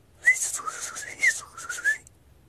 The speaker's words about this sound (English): little bird high above the timber line. Little birds can't live that high, can they? I was stunned. I felt like I was hearing heavenly music.